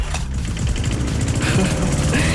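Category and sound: machine, lawn mower engine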